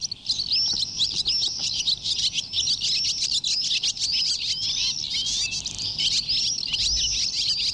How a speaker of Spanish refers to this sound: Es decir, despedimos los vencejos a las golondrinas y al avión común este año. Los pollitos. Bueno, estos son los adultos, más bien. Ahora despedimos a las golondrinas.